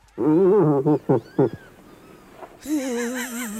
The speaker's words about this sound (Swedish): Nej, men vad är det här då? Det här är, jag skulle vilja säga, jag går emot vad jag tänkte. Jag säger säl. Nej, det är en irriterad älgko.